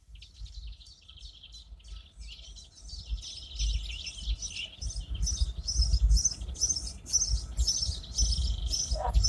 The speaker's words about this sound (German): die Vögel werden wach.